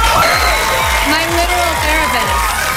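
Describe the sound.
A loud, dense studio audience cheers and whoops continuously, with rising and falling shouts cutting through a steady roar of voices and clapping, as Dakota, during her monologue, introduces Taylor as her friend.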